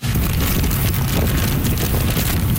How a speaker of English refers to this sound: That's how the storm sounded in Keelung on the northern tip of the island. Heavy rain along with wicked winds of 144 kilometers an hour, gusting to nearly 200.